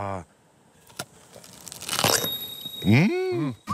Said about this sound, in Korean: 아삭 소리.